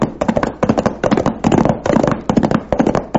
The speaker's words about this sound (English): Sounds like shooting. Yeah, and if we're going in the right direction, the shooting's coming from the Charlton place.